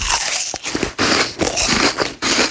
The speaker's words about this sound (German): Und dieses unerträglich laute Schmatzen, wenn er sein Apfel isst.